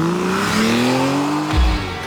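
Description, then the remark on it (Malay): A car engine revs hard with rising pitch as a car changes lanes without signalling and speeds past, ending in a brief low whoosh and tire noise as it swerves by. “Uish, punyalah lawa kereta. Tapi itulah, tukar lorong pun tak reti bagi signal. Nasib tak jadi apa-apa.”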